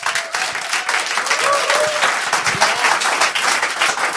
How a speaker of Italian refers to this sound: Siamo in diretta su Radio Popolare dall'Auditorium Demetro Stratos. C'è della gente davanti a me, per cui fate subito un applauso così lo sentono.